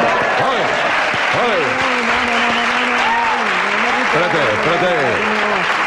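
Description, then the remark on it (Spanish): An audience claps steadily and densely for about six seconds, a loud continuous wash of applause, with voices calling and talking over it in rising and falling tones, during a comedy routine acting out a funeral. “En un entierro no se puede aplaudir.”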